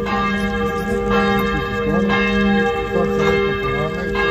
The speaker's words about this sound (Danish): Ja, for i går der ringede kirkeklokkerne, der var serbiske flag, der var militærhatte, et hav af mennesker.